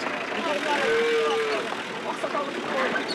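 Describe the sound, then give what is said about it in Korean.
Cattle and calves low at a livestock market over a busy, murmuring crowd, one drawn-out moo rising and sliding in pitch amid shorter bellows and steady background noise. “여기에 뭐 소부터 해가지고 송아지, 야.”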